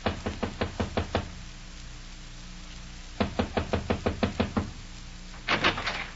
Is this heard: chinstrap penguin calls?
no